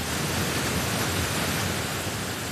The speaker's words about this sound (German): Auch wenn heutzutage vieles nicht mehr von Hand geschieht, wenn das Wasser nach unten donnert, die Gischt nach oben spritzt, dann ist immer noch die Faszination da für dieses Bauwerk und für die Kraft der Natur, auch nach 100 Jahren.